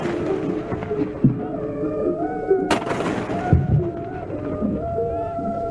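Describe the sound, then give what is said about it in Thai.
Several heavy cannon booms of a 21-gun royal salute fired by the Thai Army and Navy ring out at irregular intervals, echoing over a steady bed of ceremonial horns and band music playing the royal anthem, sustaining long tones throughout. “ทหารกองเกียรติยศถวายความเคารพแตรวงบรรเลงเพลงสรรเสริญพระบารมีทหารบกทหารเรือยิงปืนใหญ่เฉลิมพระเกียรติละ21นัด”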